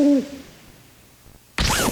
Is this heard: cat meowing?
no